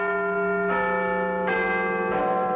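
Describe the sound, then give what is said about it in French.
The Big Ben clock bell in London, whose distinctive tone comes from a crack in the bell, strikes three times at a steady pace, each deep, resonant toll ringing out loudly and overlapping the lingering hum of the one before, with no voices present. “Le 31 mai 1859, pour la première fois, la fameuse cloche de Big Ben donne l'heure à Londres.”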